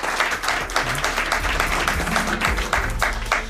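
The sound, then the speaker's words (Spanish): Sustained applause from an audience for the program's sound technicians, a dense wash of many hands clapping at steady loudness throughout, with a faint murmur of voices mixed in. “a quien pido también un aplauso para ellos”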